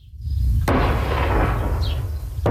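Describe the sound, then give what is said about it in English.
Heavy explosions boom in southern Lebanon, a sharp blast followed by a long rumbling roar that fills the air, then another sudden blast at the end; no voices. “This as explosions continue to rock southern Lebanon despite the reports of a new agreement.”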